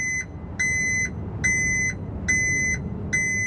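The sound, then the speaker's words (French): A garbage truck's reversing alarm beeps steadily early in the morning in a city neighbourhood, as the truck backs up after collecting the shared bin because there is no room to turn around: four loud evenly spaced tones over a low rumbling engine drone. “Puis c'est le camion qui vient les chercher. Et vu qu'il n'y a pas assez de place pour faire demi-tour, alors il recule.”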